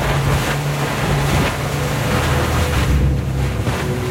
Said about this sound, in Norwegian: Båten med Håvard Gåsbakk bak rattet gjør endelig god fart.